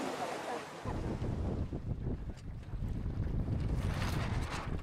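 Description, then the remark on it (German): Sailing boats on the Inselsee in Güstrow during the Junior European Championship in the Pirat class: steady rushing wind buffets the microphone over lapping water, with a low rumbling texture throughout and bursts of gusty noise growing stronger toward the end. “In Güstrow auf dem Inselsee, da wird gesegelt.”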